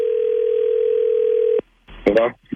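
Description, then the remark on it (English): A steady, unbroken telephone dial tone hums loudly for a second and a half, then cuts off abruptly, followed after a short pause by a person starting to speak. “Okay, here we go. Let's call him.”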